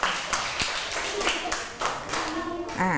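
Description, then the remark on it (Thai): A group of children claps together for three classmates in steady, fairly loud applause, a dense patter of hand claps lasting a few seconds, with some young voices chattering underneath and rising toward the end. “ปรบมือให้ทั้ง3คนเลยค่ะ”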